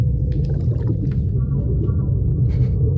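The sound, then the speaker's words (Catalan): Whale calls echo underwater over a deep, steady rumble: faint drawn-out tonal moans in the middle, with scattered clicks and higher squeaks near the start and end. No one speaks. “Són balenes.”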